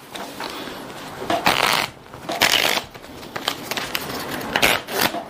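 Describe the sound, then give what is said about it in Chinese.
Crisp riffling and flicking of a deck of playing cards being shuffled and cut to control the cards for a card trick, in several bursts of rapid papery clatter separated by brief pauses, with no talking. “所以呢，我们需要先去控牌、洗牌、切牌。”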